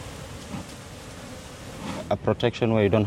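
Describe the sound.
A steady, dense drone of many bees buzzing around beehives in the mangrove forests of Lamu, placed where mangroves had been cut down, a swarm-like hum with a rushing background; near the end a person begins speaking over the buzzing.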